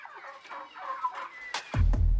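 Chickens kept at a school cluck and chatter in a busy run of overlapping calls, moderately loud, followed by a low rumbling thump near the end.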